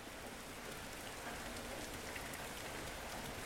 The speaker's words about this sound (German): Es regnet und stürmt unvermittelt.